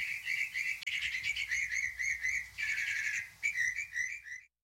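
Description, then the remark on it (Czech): Birds perched in chestnut trees chirp busily and without pause, a dense run of high, bright tweeting notes in short repeated bursts, clear, with no voices. “A ptáci seděli na kaštanech, až veholili.”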